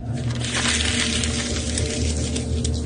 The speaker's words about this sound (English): All these pieces of paper that she's crumpling, they're all fake. It's just like, you know, copy paper from Staples.